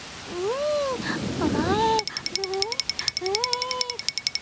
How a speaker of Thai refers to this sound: อ๋อไม่ทันซะแล้วฝนตกลงมาซะแล้วล่ะ